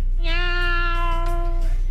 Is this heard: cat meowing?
yes